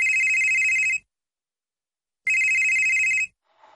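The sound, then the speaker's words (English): A telephone rings twice, each ring about a second of loud, bright trilling bell tone, separated by a pause of silence, followed by a faint brief rustle at the end. “It's your childhood calling. Pick up.”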